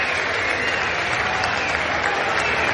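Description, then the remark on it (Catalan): A large audience claps steadily and densely for the sound team, a sustained wash of applause at constant loudness throughout, with no voices rising above it. “Ens agradaria agrair així ràpidament al nostre equip, el so, un molt fort aplaudiment”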